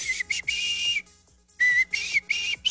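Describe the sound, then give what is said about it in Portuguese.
Someone whistles the opening melody of a song, a short run of clear, sustained notes broken into phrases with a brief pause in the middle, fairly loud with no talking. “E a pessoa tentava fazer ali o assobio do comecinho da música, né?”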